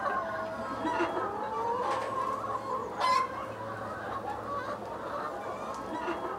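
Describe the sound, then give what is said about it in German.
A flock of hens clucking steadily, a dense murmur of overlapping calls with a few sharper, louder squawks standing out, continuous throughout. “das nennt man Glucke.”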